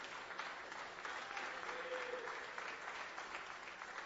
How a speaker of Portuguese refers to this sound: Agora sim, fiquem todos de pé e vamos adorar ao Senhor bem forte com as palmas para o Senhor Jesus.